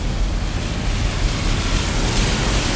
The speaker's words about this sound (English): And yeah, after weeks and weeks of historic dry summer, the rain is falling now.